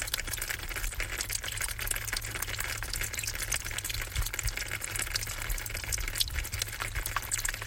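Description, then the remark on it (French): Spring water drips steadily onto dead leaves, a dense, crackly patter of tiny ticks that runs without pause over a low background rumble. No voices are heard. “Source qui tombe sur feuille morte.”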